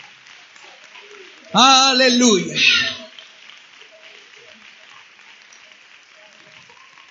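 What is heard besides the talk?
audience applauding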